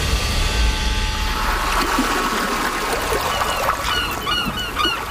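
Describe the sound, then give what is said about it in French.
Steady fishing port ambience with lapping, trickling water and a low rumble, while seabirds call intermittently; no one speaks. “C'est donc l'estomac plein et l'esprit affûté que les deux enquêteurs débarquèrent enfin au port de pêche, déterminés à coincer leur suspect à bord de son bateau.”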